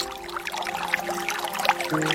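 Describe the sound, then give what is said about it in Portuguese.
Water from the fountain of Senhor Bom Jesus pours steadily into a small empty bottle, a continuous bubbling gurgle whose pitch creeps upward as it fills, moderately loud with no voices. “Então, meus amigos, trago a garrafinha vazia para você pegar a água da fonte do Senhor Bom Jesus.”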